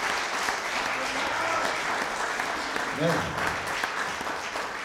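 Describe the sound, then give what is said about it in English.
Sustained crowd applause for songs just performed fills the whole stretch, a dense steady wash of clapping, with a brief voice rising out of it partway through. “Never has so much applause been given to songs that are totally messed up.”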